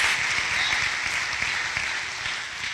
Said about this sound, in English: Give them a great big round of applause. Come on, do better than that.